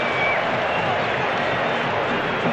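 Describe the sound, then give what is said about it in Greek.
A large stadium crowd of Senegalese supporters at a football match roars in a dense, steady wash of voices, loud and continuous, with the sustained disapproving tone of booing carrying through the whole stretch. “Ακούτε τις αποδοκιμασίες από τους Σενεγαλέζους.”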